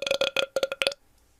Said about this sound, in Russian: Ладно, поехали, похуй, пускай рыгает.